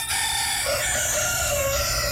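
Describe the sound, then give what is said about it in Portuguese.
Two roosters crowing together, their loud, strained calls overlapping in one sustained burst over a low rumble of background noise, with no talking. “Dois galos cantando.”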